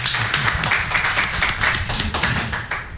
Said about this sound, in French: Ok, on applaudit pour le délégué.